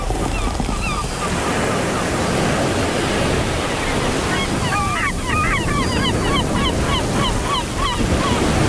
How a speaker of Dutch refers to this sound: Dat zijn wel heel veel meeuwen zo, hè?